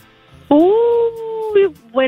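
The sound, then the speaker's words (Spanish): A person imitates a coyote howl: one loud wail that rises and holds for about a second, then breaks into two shorter yelping cries. “Creo como un coyote.”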